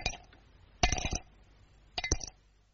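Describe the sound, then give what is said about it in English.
Cape Plum stones clinking onto a dish in three quick bursts, each a cluster of bright, ringing taps with a short tinkling decay, fairly quiet with no voices. “There's a very sweet sound to Cape Plums when you have them for afters.”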